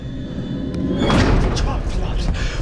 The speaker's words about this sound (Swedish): Okej, dörren smällde igen. Dörren är låst, men jag fattar inte. Det fanns ingen nyckel!